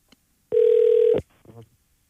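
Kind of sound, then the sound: signal or alarm, telephone call ringing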